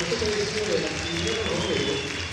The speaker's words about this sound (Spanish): Aplausos del público colombiano para mí.